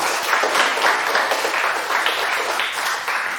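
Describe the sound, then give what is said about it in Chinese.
Steady audience applause for a student group who presented their dish, a healthier stir-fried pork with dried tofu, fills the whole few seconds, a dense, even wash of many hands clapping at once, fairly loud with no voices above it. “谢谢， 掌声送给他。”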